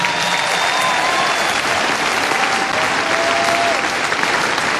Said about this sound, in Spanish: Yo quiero que le demos un aplauso a toda la gente del Sembrador en este instante.